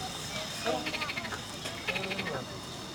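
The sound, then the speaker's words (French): A frog croaks in two quick bursts of rapid, rattling pulses, with a brief pause between them over a steady background hiss. “Après, au ras des pâquerettes, c'est la grenouille.”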